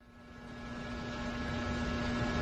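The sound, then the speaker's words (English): A steady electrical hum of overhead fluorescent lamps with a bright buzzing tone over a soft hiss, swelling slightly at the start and then holding constant, with no voices. “They both fell silent, and the only sound was the hum. The ever-present hum of the fluorescent lamps above.”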